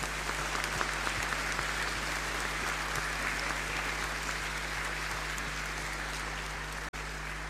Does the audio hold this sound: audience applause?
yes